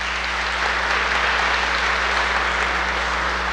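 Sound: audience applauding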